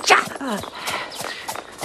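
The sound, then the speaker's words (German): A steady clip-clop of the hooves of a ridden brown-and-white pony at a walking pace, moderately loud, with a brief burst of voice and some background noise mixed in. “Und ich ritt mit Galligat auf einem braun-weißen Pony.”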